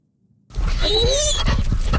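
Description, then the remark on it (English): After a brief silence, a dog on a walk at Point Pleasant Park on a sunny morning whimpers with a high, wavering whine over rough, breathy panting, loud and continuous. “We're enjoying an absolutely spectacular sunny morning walking the dogs at Point Pleasant Park”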